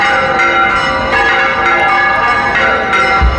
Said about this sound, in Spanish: Esto que escuchan es la historia de una llamada, la curiosa historia detrás de las campanas del santuario de la Blanca Paloma en la aldea del Rocío.